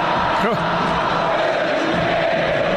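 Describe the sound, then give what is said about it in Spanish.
A dense football stadium crowd roars and shouts continuously during a penalty shootout as Juan Fernando Quintero waves his arms to make them shout, a loud wash of many voices with one brief rising yell near the start, the din holding steady throughout. “Y ahora mueve los brazos Juanfer para que la gente grite. No sé si se escucha el ambiente.”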